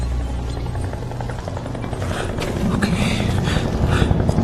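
A helicopter drones steadily, its low rotor thumping growing louder over a few seconds as it approaches, with higher whining bursts rising toward the end.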